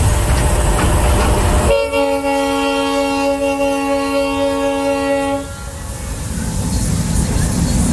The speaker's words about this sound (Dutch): Om naar de andere kant van het eiland te komen is er eigenlijk maar één manier. De trein. Die nog twee keer per maand naar Santiago de Cuba rijdt.